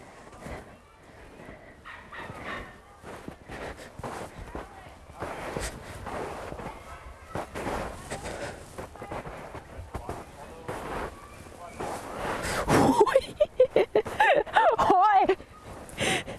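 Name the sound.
footsteps walking through snow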